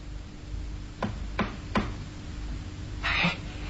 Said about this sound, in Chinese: 忽然有人敲门。 谁？